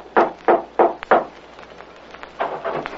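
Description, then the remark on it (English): Four firm, evenly spaced knocks on the wooden door of a house, followed after a short pause by a few softer, quicker raps. No voices. “One evening, he decided to call on Bob, went to his house, and rapped on the door.”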